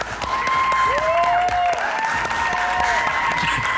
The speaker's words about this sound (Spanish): Fuerte el aplauso.